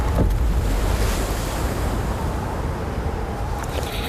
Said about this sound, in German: Von unten hört man ein dumpfes Platschen.